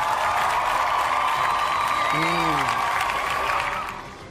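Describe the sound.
A crowd at a competition applauds a contestant steadily in a dense, even wash of clapping that holds for several seconds, with a brief cheering voice rising midway, then fading out at the end.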